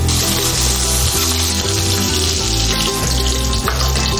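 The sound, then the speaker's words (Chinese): Peeled shrimp sizzle and crackle steadily in hot oil flavored with star anise, garlic, ginger and scallion, a loud, continuous frying hiss with occasional faint scraping of a utensil in the pan, no voices. “好，捞出来，煎一下虾仁。”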